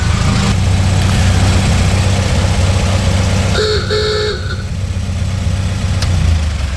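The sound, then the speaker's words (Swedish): A 1926 Chevrolet Superior engine idles with a steady low rumble throughout, broken by two short honks of its old-fashioned car horn in quick succession, loud. “Både motorn och sen förstås det här bilhornet.”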